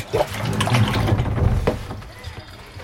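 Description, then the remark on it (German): A pump, connected by thick hoses and a power cable, is lowered into a full water container for a children's task of pumping water into an empty container, with brief sloshing and splashing and a few gurgles, while muffled voices murmur underneath. “Philipp lässt die Pumpe in den einen Container hinein.”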